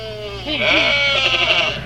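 A sheep bleats loudly, a wavering, quavering cry lasting over a second, with a low steady hum underneath.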